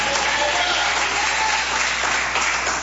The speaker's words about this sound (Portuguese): Bate palmas, dá glória quem tem promessa de Deus.